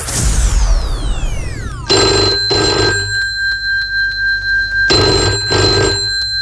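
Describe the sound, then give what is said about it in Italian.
A telephone rings twice in its classic double-burst pattern, loud, with a steady electronic hum between rings. A quick descending swoosh of tones comes just before the first ring. “Buonasera, in questo momento c'è un grosso crisi, non posso rispondere al telefono.”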